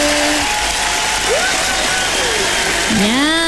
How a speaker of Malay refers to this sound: Pastinya kita bagi tepukan yang gemuruh